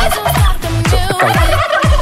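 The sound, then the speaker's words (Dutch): A turkey gobbling sound plays from a phone, a loud, continuous, rapid warbling burst of repeated throaty calls filling about two seconds, clear with no voices over it. “Waarde jij dat, die kalkoen? Ja, dat komt zo precies vanuit uw telefoon, maar dat is niet erg.”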